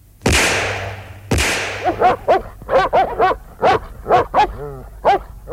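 Two sharp, loud gunshots ring out at a stray dog, then the dog breaks into a rapid run of high-pitched yelps and barks, about a dozen quick cries with no talking.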